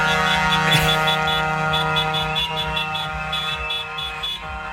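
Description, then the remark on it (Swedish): Loud, sustained car horns blare together in a continuous wall of honking, with pulsing repeated toots layered on top, drowning out everything else. The horns come from a convoy of cars following a truck during a student celebration in Malmö, Sweden. “Tutandet blir för mycket.”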